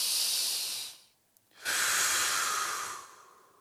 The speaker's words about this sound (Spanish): tú que me estás escuchando, respira profundo, ándale, vámonos. No te escucho, vámonos.